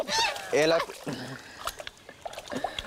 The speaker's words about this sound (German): Das war gerade das Paarungsritual von den Gänsen. Gänse und Enten paaren sich eigentlich nur im Wasser.